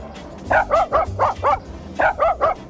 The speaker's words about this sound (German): Ja, jetzt schnappen wir uns mal Waldis Bellen und zaubern daraus einen HR4-Hit und das klingt dann so.